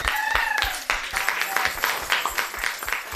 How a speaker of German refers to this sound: Es war halt so eine tolle Klasse. Wirklich. Ja. Applaus für euch.